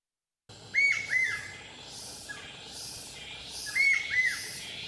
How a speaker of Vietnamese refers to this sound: Tiếng chim rừng vọng lại từ tán cây cao, những giọt sương cuối cùng của buổi sớm còn đọng trên lá.